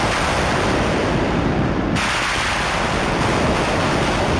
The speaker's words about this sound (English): Like there's one raga Meghmahar. And so this one, you know, starts with these sort of synthesized thunder sounds. And it's a callback to this idea of clouds, rain, monsoon.